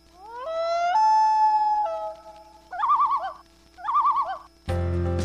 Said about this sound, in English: That sound? It's the voice of the wilderness. The call of the common loon, majestic, mysterious, and vital to our environment. Loons are more than just a symbol of Canada's wild beauty.